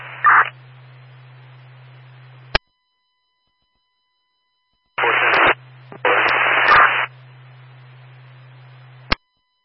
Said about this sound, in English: I'm hearing you come over, but no, your traffic's getting covered by static.